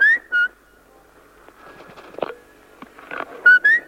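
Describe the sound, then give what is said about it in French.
A person whistles in quick, short rising bursts, a pair at the start and another pair at the end, with quieter shuffling noises and faint background sounds in between. “Tu siffles bien vite.”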